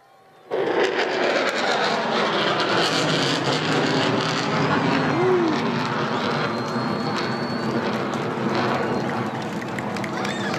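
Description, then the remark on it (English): A military jet's engine roars as it climbs vertically over Mindle Beach at sunset, a loud, dense wall of noise kicking in abruptly and holding steady and powerful for about ten seconds. “Plane coming towards us with the Mindle sunset in the background, and here it goes vertically up.”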